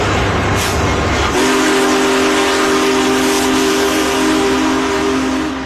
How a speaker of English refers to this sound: A majestic steam locomotive pulling into St. Louis Union Station. Big Boy was restored to celebrate the 150th anniversary of the Transcontinental Railroad's completion in 2019.